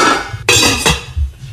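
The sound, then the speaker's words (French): Metallic clanks and clatters of pots, pans and a frying pan in a kitchen, a couple of sharp ringing hits with lingering shimmer, fairly loud, over a low background rumble. “Oui, c'est des bruits de cuisine ou de casserole, de poêle.”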